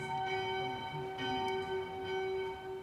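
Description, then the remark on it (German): Church bells ring out the midday peal, heard from high up above the choir of the church, their overlapping tones humming continuously and resonantly, with no voices present. “Und genau in diesem Moment ertönen die Glocken zum Mittagsgeläut.”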